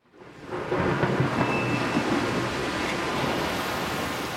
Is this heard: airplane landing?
no